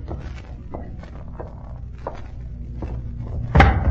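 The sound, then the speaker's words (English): A table is shoved to one side: a series of soft scrapes and wooden knocks over a low rumble, ending in a louder, sharper thump as it comes to rest. No one speaks. “He's pushed the table to one side.”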